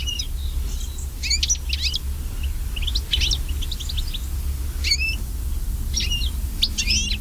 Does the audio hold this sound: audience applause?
no